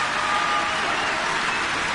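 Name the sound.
concert audience applause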